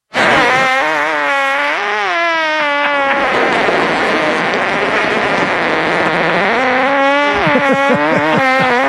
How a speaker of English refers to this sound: Gentlemen, that was a fart. That's the inventor. It was the inventor of the device that keeps track of your flatulence.